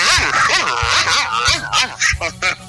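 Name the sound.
dog barking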